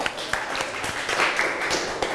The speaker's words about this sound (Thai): ขอเสียงปรบมือให้กับกลุ่มที่5ของเราด้วยนะคะ